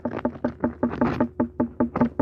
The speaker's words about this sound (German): Und so hört jetzt eine unreife Melone an.